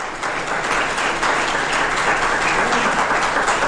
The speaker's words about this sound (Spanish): Denle ese aplauso.